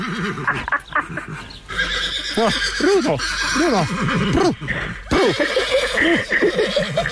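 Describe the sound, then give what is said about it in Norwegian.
A horse neighs and whinnies repeatedly, loud wavering calls rising and falling in quick succession across the whole stretch, with a brief gap midway. “Altså, nå står jeg her med hesten.”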